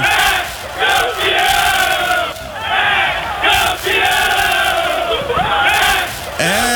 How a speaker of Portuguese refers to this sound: Nesse momento, os jogadores posicionados no gramado, torcedor brasileiro. É o grito da torcida que vai ser solto hoje. Vai gritar: é campeão de um campeonato nacional.